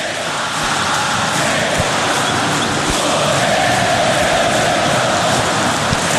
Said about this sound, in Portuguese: Aqui ele está fazendo seis num jogo só, no Maracanã, lotado. E a torcida cantando, ó.